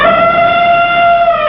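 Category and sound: animal, elephants trumpeting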